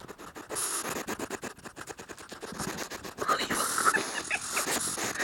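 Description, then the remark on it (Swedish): A pygmy hedgehog named Magnus, a nocturnal pet wrapped in a small blanket and woken during his sleeping time, makes small noises: quick, scratchy snuffles and rustling bursts in an uneven rhythm, with a few faint high squeaks partway through, all without talking. “Men du, hur kommer det sig att ni valde ett så pass ovanligt husdjur som pygmé-igelkott?”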